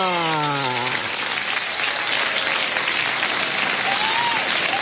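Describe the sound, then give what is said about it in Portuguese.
A crowd claps steadily in a dense, continuous burst of applause for birthday celebrants that stays at an even, loud level, opening with a brief tonal, voice-like sound over the start of the clapping. “Agora os aplausos para os aniversariantes.”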